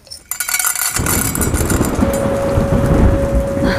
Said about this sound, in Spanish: Compañeros, está comenzando una gran tormenta eléctrica cerca del estudio.